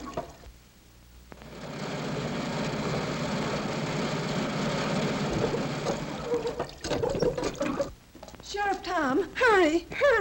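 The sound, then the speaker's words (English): A crippled car's engine catches after a brief quiet moment and settles into a steady, rough rumble for several seconds as it is started to go for help, then cuts away as excited voices take over. “has undone her bonds and is starting for help in the crippled car.”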